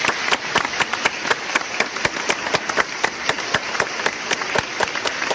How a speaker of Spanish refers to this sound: Aplausos.